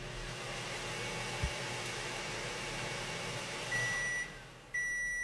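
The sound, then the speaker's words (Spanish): A steady mechanical hum of a microwave oven running at maximum power runs throughout. Near the end, two short electronic beeps from an oscilloscope sound over it, the second higher and buzzier. “Ya se ha oído el pitido.”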